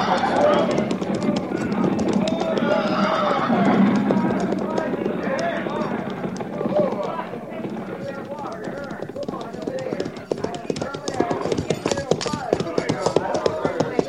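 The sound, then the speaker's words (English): Several horses clop along in a steady, busy patter of hooves as riders slow them to a stop at a creek, with an occasional whinny rising over a low murmur of men's voices; the hoofbeats turn sharper and more separate toward the end. “Tell the men to dismount and unsaddle, pin grazing water.”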